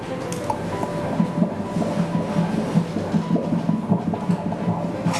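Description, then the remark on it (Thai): A fast, steady whooshing pulse of a baby's heartbeat, played by a doctor on Doppler ultrasound during a pregnancy scan. It beats rapidly and evenly at a normal rate, about twice as fast as an adult's, over a constant muffled hiss, with no one speaking. “อันนี้เป็นเสียงหัวใจเด็กนะคุณแม่หัวใจเด็กจะเต้นเร็วกว่าผู้ใหญ่2เท่าเพราะฉะนั้นจังหวะที่ได้ยินนี่คืออัตราปกติ”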